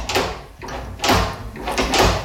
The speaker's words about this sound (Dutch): Het testen van de nieuwe klinken op de wc. Ah. Klinken? De deurklinker.